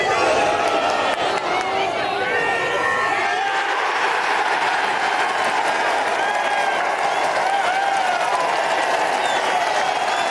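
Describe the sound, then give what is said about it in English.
A large golf crowd at Trump International Golf Links in Doonburg, Ireland, erupts in loud, sustained cheering and applause after Lowry's 30-foot winning putt, with shouts and whistles rising over a steady roar for the full ten seconds. “Just have a listen to this crowd on Lowry's 30-foot putt for the win in Ireland.”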